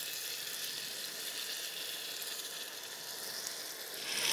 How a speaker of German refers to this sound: So, jetzt kommt die Ablöschvariante. Alkoholfrei.